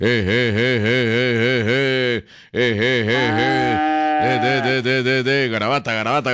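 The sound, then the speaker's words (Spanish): An old cow moos loudly in long, wavering bellows, with a brief pause between calls and then another drawn-out moo. “Nombre más feo por una vaca.”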